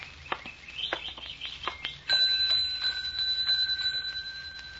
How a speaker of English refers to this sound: Oh, there's a bell over there on the desk. That might be a help.